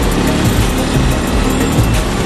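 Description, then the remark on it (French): A loud, buzzing motorcycle engine roars steadily on a long straight road, a dense high-revving drone that stays strong for a couple of seconds with no voices. “Et heureusement parce que comme le boulon c'est une grande ligne droite, si on laissait les motos filer, ça pourrait aller très vite.”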